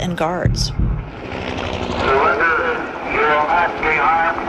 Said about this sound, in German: Und alles, was man währenddessen hört, ist ein Hubschrauber und eine Lautsprecherdurchsage, die immer wieder verkündet: Ergeben Sie sich mit erhobenen Händen, dann wird Ihnen nichts geschehen.